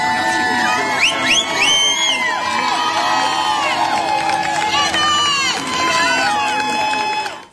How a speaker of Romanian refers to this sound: Ați urmărit imagini în direct din Statele Unite, unde sute de femei s-au adunat în sprijinul mamei care și-ar fi ucis cei trei copii în 2023. Susținătoarele l-au întâmpinat în ropote de aplauze pe avocatul femeii